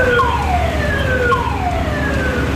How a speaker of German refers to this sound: Blaulicht, Martinshorn und jede Menge Einsatzkräfte. Wer am Donnerstag in Oberndorf im Landkreis Rottweil unterwegs war, hat sich vielleicht gefragt, was ist denn hier los?